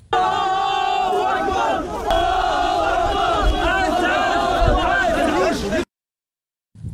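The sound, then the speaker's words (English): A large crowd of migrants shouts "Allahu Akbar" together while carrying a man, in the Spanish enclave of Zueta: loud, overlapping voices rising and falling like a chant for about six seconds before cutting off abruptly into silence. “Footage from Sunday shows migrants shouting, Allahu Akbar, while carrying a man they claim was assaulted by police.”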